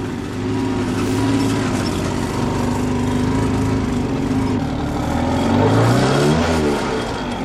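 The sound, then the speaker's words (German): Small moped engines run steadily, a buzzing two-stroke drone with a brief rev that rises and falls near the end. No one speaks. “Mir scheint, meine Maschine läuft nicht mehr. Und deine ja auch nicht.”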